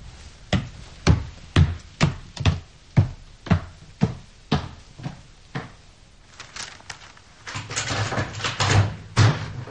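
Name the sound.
door opening and closing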